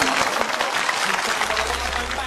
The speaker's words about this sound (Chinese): 恭喜所有的小宝贝们闯关成功！掌声！